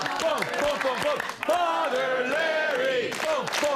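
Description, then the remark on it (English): A loud crowd cheers and shouts continuously as a man out front cranks them up, with many overlapping voices yelling and whooping at varying pitches, a brief dip around the middle before the roar surges again. “There's some dude out there cranking up the crowd, and I can't control them.”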